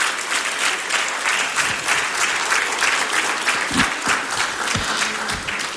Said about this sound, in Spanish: Póngase de pie, denle un aplauso al Señor y dejo este lugar a mi pastor.